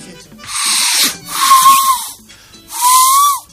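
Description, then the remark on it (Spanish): The steam whistle of a small train, the 'tren de la alegría' known as the 'trencito chicharra', sounds in three loud, hissing blasts, the last two carrying a clear mid-pitched whistle tone that bends slightly downward at the end. No one speaks. “Mirá, el tren de alegría. El trencito chicharra.”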